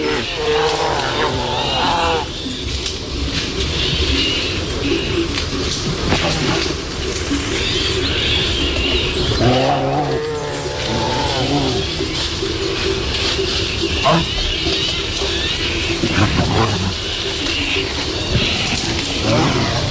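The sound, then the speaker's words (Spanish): Two brown bears, a male and a female, growl and roar while thrashing through dense brush, with constant crashing and rustling of vegetation and loud throaty bursts breaking out every few seconds. “Aquí escuchamos cómo una pareja de osos, un macho y una hembra, posiblemente en celo, están destrozando el monte.”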